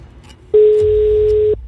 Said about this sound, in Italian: Occhio, perché non basterà più una sola telefonata, ma ce ne vogliono due. Conferma. Primo squillo.